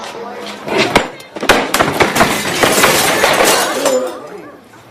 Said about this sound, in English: Looking furious, he throws a chair across the room.